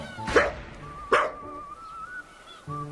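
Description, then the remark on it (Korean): A dog named Mokka, tail lowered, gives two sharp, loud barks about three-quarters of a second apart, followed by a thin, high whine lingering faintly in the background. No one speaks. “근데 짖을 때 보면 꼬리도 내려가고 되게 무섭게 짖는 것 같지만 다가가면 오히려 뒤로 도망가고.”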